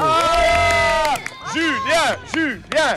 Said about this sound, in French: Mais oui, on applaudit les enfants.